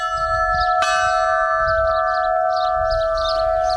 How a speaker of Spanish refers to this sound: Toques que sonarán en Lerín, aunque se han hecho públicas las partituras para que cualquiera pueda utilizar las campanas para avisar y acompañar ese momento del eclipse.